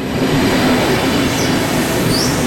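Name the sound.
train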